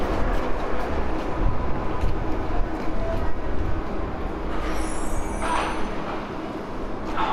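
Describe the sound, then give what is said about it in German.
A subway train rumbles along steadily, a dense low roar with rattling and a brief high metallic squeal partway through, continuous with no one speaking. “Ich sitze in der U-Bahn auf so einem ganz schmalen Brett.”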